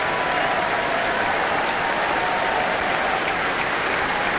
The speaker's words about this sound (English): Alina's back on stage now. She's applauding the orchestra as well. And they played brilliantly.